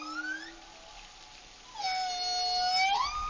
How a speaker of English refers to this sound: particularly for the whales of Oman, the humpback whales. They have a very almost ancient song, you can say, that is not changing as quickly as some of the other whales are changing their song.